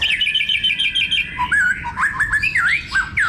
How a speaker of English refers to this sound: Scientists have now analysed more than 100,000 different bird songs to reveal the acoustic secrets behind the incredible variety of bird song that we hear.